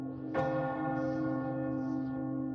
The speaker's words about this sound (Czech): Skutečně ještě sedí za pultem a z kostelní věže bije půlnoc.